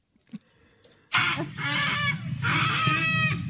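A chicken clucking sound effect: a flock of chickens clucks and squawks loudly and continuously, overlapping calls following a brief quiet start with a few faint clicks.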